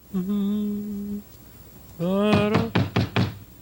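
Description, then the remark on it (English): A sustained musical tone plays, then a quick series of four or five sharp, loud knocks rings out as Grover raps on Mr. Frog's door, the tone continuing beneath. “I wonder whom that can be, knocking upon my door.”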